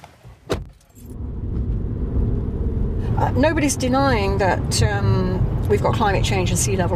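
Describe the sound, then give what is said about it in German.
A short metallic jingle and clunk at the start, then a steady low engine rumble from inside a car as people drive back, with voices talking over the drone. “Wir fahren mit dem Auto wieder zurück.”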